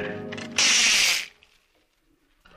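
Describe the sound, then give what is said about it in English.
A short mechanical winding sound as a kitchen clock is wound: a tonal creak leads into a loud, harsh ratcheting burst lasting under a second, then it stops and all goes quiet. “Oop, almost forgot to wind the kitchen clock.”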